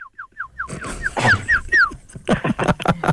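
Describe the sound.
A person whistles a birdlike call as a goodbye: a quick run of six short, falling chirps, then a few louder, higher swooping notes, followed by a burst of rough, noisy sounds.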